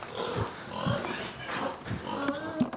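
pigs grunting

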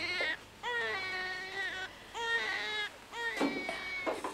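newborn baby crying

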